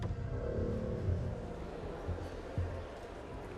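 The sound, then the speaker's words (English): Car engines rumble steadily, a dense low roar that swells in a few brief revving surges, with no clear voices over it, as three cars (a white BMW, a white Mercedes van and a grey Audi) arrive at a mall and park. “Meanwhile, three cars arrived at the mall.”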